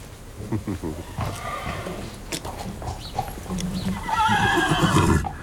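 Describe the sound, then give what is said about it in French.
A stallion neighs and whinnies loudly after a puff of wind brings him the scent of his daughter, a mare, its harsh, wavering call rising toward the end, with a man talking alongside and some background noise. “Alors là, les étalons, dans ce cas-là, ils ne sont pas toujours aimables.”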